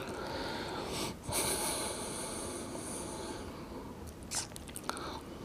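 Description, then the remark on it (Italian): Heavy, noisy breathing of a person recovering between exercise repetitions with a training apparatus, with a couple of sharper, louder breaths standing out against a steady hiss of air; no talking. “Porto avanti l'attrezzo, rilasso bene le spalle, sento un po' il respiro.”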